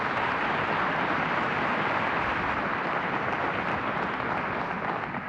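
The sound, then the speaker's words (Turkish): Loud, sustained applause from an audience welcoming a guest, a longtime TRT Turkish folk music singer, a dense steady wash of many hands clapping together with no talking, holding evenly for about five seconds before easing slightly at the end. “Alkışlarınız … için.”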